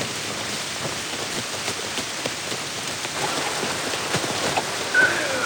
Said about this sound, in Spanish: De camino al coche, se detiene para resguardarse de la intensa lluvia